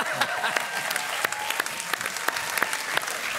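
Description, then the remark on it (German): A live audience in Kühlungsborn applauds steadily, dense clapping filling the whole stretch with scattered sharper claps standing out, loud, with faint cheering mixed in. “Das ist mein Publikum in Kühlungsborn hier.”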